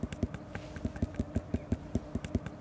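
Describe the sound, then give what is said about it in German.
Knuckles carefully rap the end of a ripe melon to check its ripeness, in a quick, steady series of about fifteen dull, hollow thumps, fairly soft, with no talking. “Du suchst dir immer die Endstellen aus und klopfst da ganz vorsichtig drauf. Und wenn das so klingt wie so eine wohlklingende Trommel, dann sind die richtig reif.”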